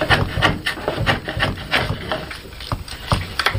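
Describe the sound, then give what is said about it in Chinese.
Woodworking on the wooden body of a zither being made: a chisel bites into the wood again and again in an irregular rhythm, with scraping and sanding in between and no voices. “每一次落刀，每一次打磨，都是与木材对话，与寂静相处。”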